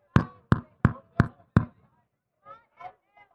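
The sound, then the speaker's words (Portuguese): Five firm, evenly spaced knocks on a door, loud, followed by a short pause and a few faint, softer sounds. “Educadamente, ele chega na porta do coração humano e ele bate.”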